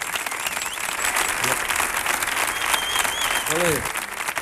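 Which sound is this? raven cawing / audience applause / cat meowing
audience applause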